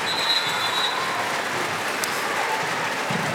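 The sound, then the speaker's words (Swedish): A large football crowd at a Sweden match roars steadily, with shrill whistles piercing through during a duel between players Sandberg and Bregård, one long high whistle at the start, over a constant wash of stadium noise. “Duell mellan Sandberg och nämnda Bregård är det som får publiken att vissla.”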